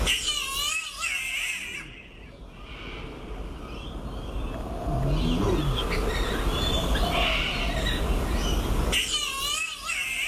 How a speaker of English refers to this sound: Here's another bird. It's the green catbird.